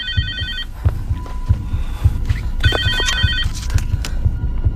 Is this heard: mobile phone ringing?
yes